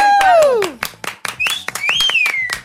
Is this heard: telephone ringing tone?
no